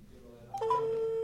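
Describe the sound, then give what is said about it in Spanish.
A steady electronic ringback tone from an outgoing phone call starts about halfway through and holds through the end, heard over a faint low hum with no voices. “Ahí está sonando el número de teléfono.”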